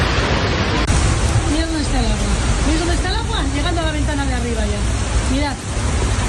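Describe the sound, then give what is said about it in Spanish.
Loud, steady roar of rushing floodwater pouring through a street in Bizkaia (Basque Country), Spain, after intense rainfall, constant, with a voice talking faintly over the torrent. “Euskadi también se ha visto afectada por estas intensas precipitaciones”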